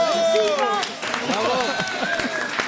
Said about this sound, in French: Bon, je pense tout le monde peut t'applaudir bien fort. Bravo.